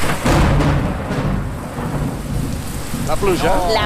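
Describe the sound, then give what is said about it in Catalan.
Steady, heavy rain hisses throughout while a deep, loud thunder rumble rolls underneath, with a brief higher chirping sound near the end. “La pluja en el número 4, eh?”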